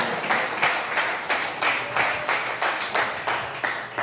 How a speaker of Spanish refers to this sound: ¡Aleluya! ¡Dele palmas al Señor, hombre! ¡No se duerma!